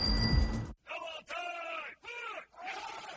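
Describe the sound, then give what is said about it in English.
Service members shout in unison while working out outside a house at 4:30 in the morning, four loud, drawn-out bellowed calls separated by brief pauses, like a drill chant, following a short burst of harsh noise at the start. “Who on earth is making that racket? It's 4:30 in the morning. Ugh, it's those darn service members working out again.”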